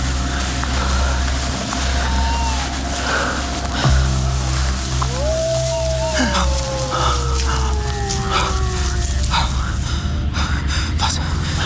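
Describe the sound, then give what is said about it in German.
A hound on a moor at night howls once in a long, drawn-out cry that slowly falls in pitch, heard faintly over a steady low rumble of wind and night ambience. “Das Heulen schien von dort drüben gekommen zu sein, nicht?”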